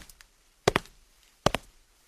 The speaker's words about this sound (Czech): Někdo prošel.